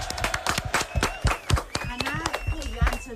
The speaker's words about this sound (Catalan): Molt bé. Un aplaudiment per a aquests pares, eh?